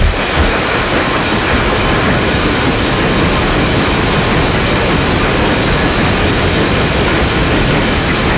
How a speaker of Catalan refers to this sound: Un tren, sí. Jo vaig el tren, bàsicament el tren de Sóller